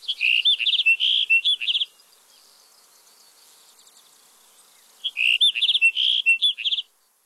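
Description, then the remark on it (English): A sagebrush sparrow sings two short, high, tinkling phrases of rapid chirps, each lasting under two seconds, separated by a few seconds of quiet. The song is clear, with no other sounds. “To support our remaining sagebrush sparrows, we have to protect the landscapes they call home.”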